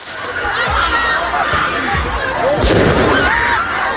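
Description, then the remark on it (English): Fireworks bang repeatedly amid a loud, dense crowd at an outdoor street protest in a suburb of Paris, France, with several sharp pops and booms landing about every half second against constant shouting and chatter. “You could just hear what seems to be fireworks going off there.”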